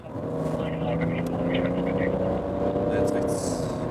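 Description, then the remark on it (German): A car engine roars steadily at about 100 km/h during a police pursuit on a road, a loud, continuous drone with road and wind noise throughout, with a voice faintly mixed underneath. “wenige Meter Abstand bei 100 km/h. Schert jetzt nach rechts aus. Überholt den PKW rechts.”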